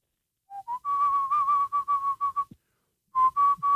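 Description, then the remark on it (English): A breathy pan flute melody from The Lion King film score: two short rising notes lead into a run of quick, repeated notes near one pitch, then a brief pause before three more notes. No one speaks. “That was the pan flute from The Lion King.”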